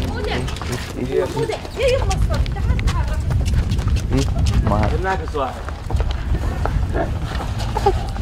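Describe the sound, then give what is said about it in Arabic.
A donkey brays a few times, its harsh, wavering calls rising over steady outdoor background noise, with people talking. “هاي حمار حمار.”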